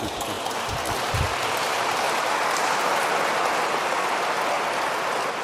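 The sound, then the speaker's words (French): An audience applauds, a dense, steady wash of many hands clapping at an even level for several seconds, with no voices heard over it. “Oui, là vous pouvez applaudir.”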